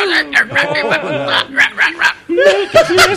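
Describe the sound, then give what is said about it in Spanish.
A dog barks in a quick, loud string of yaps, with people laughing and talking over it. “¡No, perro! ¡Bueno, no! ¡Pero! ¡Perro! ¡Ya! ¡Y el perro!”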